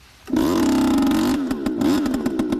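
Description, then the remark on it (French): A leaf blower's small engine, converted to pump carbon monoxide through a hose into rabbit burrows in a suburb of Melbourne, Australia, roars to life, holding a steady buzzing whine before it starts sputtering and revving in uneven pulses. “Ce moteur, c'est celui d'une souffleuse de feuilles reconvertie en machine de mort.”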